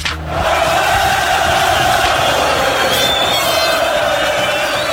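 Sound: football stadium crowd cheering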